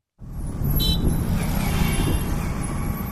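Busy road traffic at an intersection in the south Indian city of Hyderabad on a hot day: a dense, continuous rumble of engines from cars and trucks, with a brief hiss like an air brake near the start. Loud, no talking.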